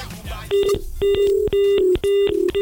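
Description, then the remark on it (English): A sequence of four steady electronic telephone dialing tones, each held about half a second with short gaps, a bright mid-pitched beep pattern following a brief murmur of voices at the start. “Kamata simu.”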